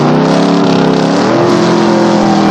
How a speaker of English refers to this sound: The light turns green and they both floor it. Neck and neck, they speed down the strip.